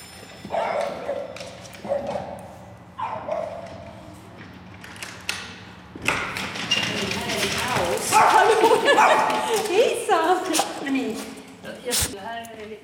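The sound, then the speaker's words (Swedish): An apartment door in Stockholm creaks and rattles open, then two female French bulldogs, Lovis (nearly 9) and Maiken (nearly 6), erupt in excited barking and whining in greeting, a busy jumble of yaps and snuffles following a few short bursts of sound. “Hennes två fransk bulldog-tikar tar emot när hon öppnar dörren till lägenheten.”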